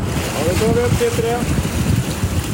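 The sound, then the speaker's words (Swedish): Wind buffets the microphone over a deep rumble of a research ship at sea on a windy morning, while its winch whines in brief rising tones for about a second, hauling a frame of water-sample tubes up out of the sea off southern Sweden, before the gusty drone carries on. “Forskningsfartyget Svea vinschar en blåsig tisdag morgon upp en ställning med tuber ur havet efter att ha hämtat vattenprover från olika djup.”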